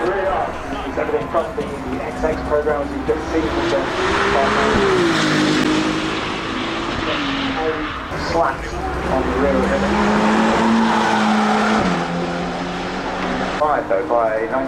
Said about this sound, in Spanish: Pero primero, por favor, escuchemos más los motores de esta maravillosa marca de Ferrari.